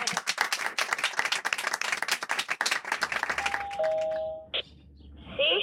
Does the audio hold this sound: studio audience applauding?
yes